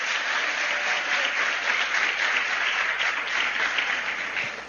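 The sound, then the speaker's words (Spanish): An audience claps for their parents steadily for several seconds, a dense, even wash of many hands with no pauses, holding at a fairly loud level before easing slightly at the end. “Un aplauso para sus padres.”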